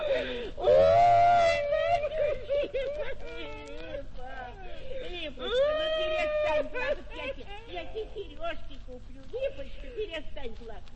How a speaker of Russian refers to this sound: ну голубушка, ну не плачь.